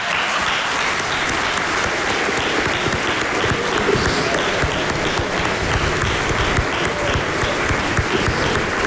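Sustained applause from a large concert audience at the Kulturni center Laško, a dense, steady wash of clapping at a fairly loud, even level for the whole stretch with no voices standing out.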